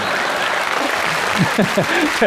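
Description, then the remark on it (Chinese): Thin, scattered applause from a small audience at a crosstalk comedy performance, a broad steady patter of claps with a few voices murmuring over it toward the end. “谢谢啊，谢谢您稀稀拉拉的掌声。”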